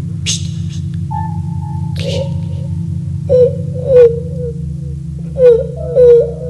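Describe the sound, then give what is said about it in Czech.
A child's wailing cries rise and fall in several drawn-out, moaning bursts over a steady low hum, sounding eerie, with the cries growing louder toward the end. “Ty pláče nějaký děcko.”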